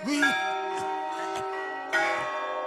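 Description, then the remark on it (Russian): A monastery clock bell strikes the quarter: two resonant, metallic chimes about two seconds apart, each leaving a long, humming ring that overlaps the next. “Монастырские часы пробили четверть.”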